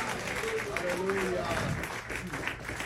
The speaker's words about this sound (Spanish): Alguien puede alabar a Dios con sus palmas y con un aleluya en este día.